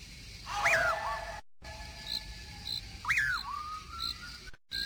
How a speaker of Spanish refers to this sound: Un raro silbido penetrador y espeluznante comienza a dejarse oír tras los pasos de Juan Hilario. Aquel extraño silbido se repite una y otra vez en persecución del parrandero